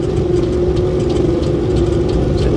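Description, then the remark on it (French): A small propeller airplane passing in a blue sky over mountains: its engine drones loudly and steadily, a constant low rumble with a sustained mid-pitched hum running through it, and no voices are heard. “Ah, un petit avion qui est passé là-bas.”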